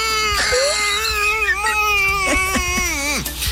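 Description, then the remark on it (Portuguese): A voice lets out a continuous, strained groaning wail for a few seconds, wavering in pitch and dipping at the end. It is deep groaning in place of shouting, imitating a stifled goal celebration for Flamengo. “Eu amadureci e a minha comemoração de gol, eu fico enlouquecido nos jogos do Flamengo e eu comemoro enlouquecidamente, mas eu faço uns gemidos profundos, porque eu não posso gritar, então eu faço...”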